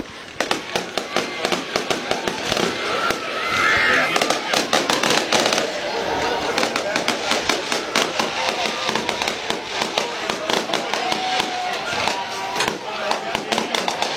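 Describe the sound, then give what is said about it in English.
A fireworks show on homecoming night, after the Concord Minutemen's 44-3 win over the Goshen Redhawks, bursting in rapid, overlapping bangs and crackles that go on without a break, sharp pops piling up against a steady rumble, with faint voices in the background. “A fireworks show here on homecoming night.”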